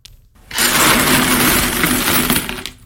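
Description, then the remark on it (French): A large pile of coins spills out of a drawer all at once, a dense, loud, bright jangling clatter that starts abruptly and pours on steadily for about two seconds before thinning out, with no voices. “C'est des sous, c'est plein de sous qui tombent.”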